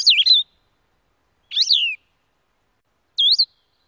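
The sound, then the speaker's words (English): Three short, slurred, halting whistled phrases from a blue-headed vireo in a yard around 6:20 in the morning, clear, each separated by a pause of over a second, with no other sounds around them. “First, the distinctive two-part trill of a Nashville warbler. Then, the halting, whistled phrases of a blue-headed vireo.”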